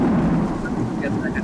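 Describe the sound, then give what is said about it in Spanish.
Steady, dense rainfall in the Ecuadorian Amazon, with fog, fills the scene with a constant hiss, backed by a deep low rumble like thunder. No clear voices stand out. “Dicen que ya es el segundo semestre, que es a partir de julio, finales de julio, agosto, ojalá que se vaya así, mucho más allá, no, estas lluvias.”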